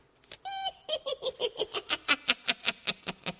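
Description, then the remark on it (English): A cackling-laugh ringtone, played as a quiz-show clue, plays alone: a brief high, pitched squeal, then a rapid, steady train of about fourteen sharp, bright "ha" bursts that stay loud and even throughout. “Type of laugh that's the name of the ringtone heard here.”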